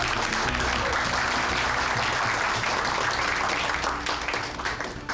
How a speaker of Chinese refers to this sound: 下面让我们用最热烈的掌声欢迎梁总给我们讲课。